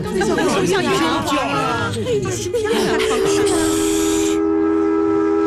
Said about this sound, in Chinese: 你们听，小火车又鸣笛了。